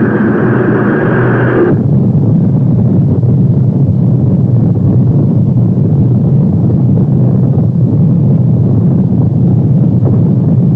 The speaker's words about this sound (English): T-minus 10, 9, 8, 7, 6, 5, 4. We've gone for main engine start.